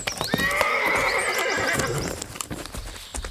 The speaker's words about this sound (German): Da, endlich kommen Bibi und Tina auf ihren Pferden.